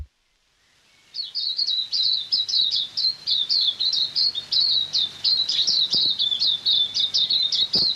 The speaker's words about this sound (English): Tauhou, the silver eye, RNZ National.